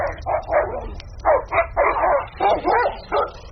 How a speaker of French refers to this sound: Mais soudain, un chien qui grogne en approchant vers vous.